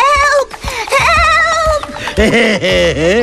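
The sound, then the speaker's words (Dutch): Young goats bleat and scream in loud, overlapping cries, several high wavering calls tumbling over one another without pause for a few seconds. “Toen hoorde de reus de geitjes gillen.”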